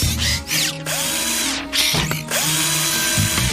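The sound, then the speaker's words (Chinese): A power screwdriver whirs in several bursts, its motor whine rising and falling in pitch between short pauses, loud and steady with no voices, used to finish a ramp for a stunt skateboard park. “我可以帮你完成这个斜坡，螺丝起子。”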